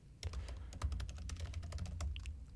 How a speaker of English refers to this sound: Y'all hear my typing?